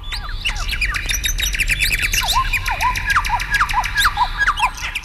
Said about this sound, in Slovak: V lese bolo krásne. Vtáci spievali, vietor knísal stromy